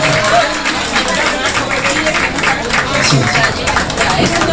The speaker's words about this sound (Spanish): Bueno, como siempre digo, fuerte el aplauso para nuestra querida reina Sinsano.